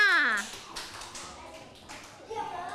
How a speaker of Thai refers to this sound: เพื่อนเขียนถูกต้องไหมคะถูกต้องปรบมือให้กลุ่มเด็กผู้ชายค่ะ